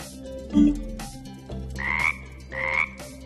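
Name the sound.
frog croaking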